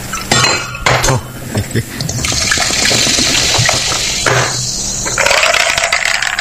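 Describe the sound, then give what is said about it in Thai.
A drink is poured into a glass, starting with a few sharp clinks of glass on glass, then a steady, bright splashing stream of liquid that rises in pitch as the glass fills. “มานี่ปังปังเป่งปังนะฮะเทเข้าไป”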